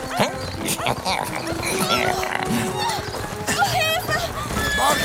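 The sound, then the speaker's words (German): A horse bolts with loud, rapid clattering hooves and shrill whinnies rising over the commotion, while agitated voices shout throughout. “Das Pferd geht durch!”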